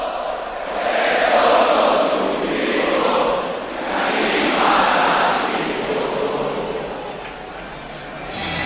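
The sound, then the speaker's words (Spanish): A large crowd of Málaga football supporters at La Rosaleda stadium sings a Málaga club anthem in unison, lyrics shown over the public address, scarves raised, before the Málaga–Las Palmas match; a broad wash of voices swelling and fading in slow waves, steady and loud with no single voice standing out. “Y ahí están todos cantando con las bufandas al aire. La verdad que escuchen, a la afición del Málaga.”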